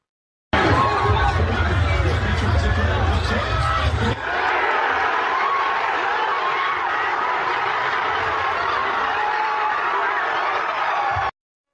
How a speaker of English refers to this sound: My producer, our producers, captured the scene at a watch party in Central Park the moment the Knicks officially clinched the title. Watch this.